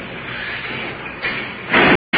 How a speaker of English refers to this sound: Opening the door for us. Prisoners placed in the cell.